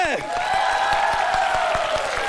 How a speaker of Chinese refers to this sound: 让我们把掌声再次送给